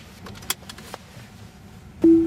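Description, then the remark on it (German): Inside a driverless self-driving taxi, a low steady rumble runs under a few faint clicks and knocks, then a loud electronic beep sounds near the end as the car starts to pull away on its own. “Ein kurzes Signal und schon fährt das Auto von allein los.”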